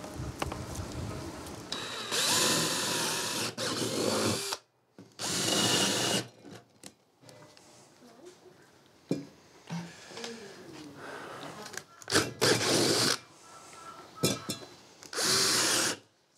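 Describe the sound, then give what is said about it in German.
A power drill runs in several loud bursts of a few seconds each, whining as it bores holes for test tubes to hold flowers, with quieter handling and shuffling sounds in the pauses between. “Löcher bohren und dann die Reagenzgläschen rein, mit Wasser füllen, die ganzen Blumen schön stecken, dann die Wurzeln.”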